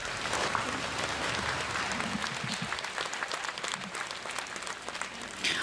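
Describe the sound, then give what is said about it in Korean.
Steady applause from an audience, many hands clapping densely and continuously at moderate volume for several seconds, with no one speaking over it, welcoming a speaker who reads a memorial address at the 82nd memorial ceremony for Han Yong-un. “큰 박수로 모시겠습니다.”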